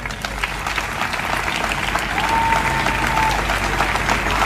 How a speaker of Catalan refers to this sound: Almenys vos demano dedicar-los el més fort aplaudiment de la tarda.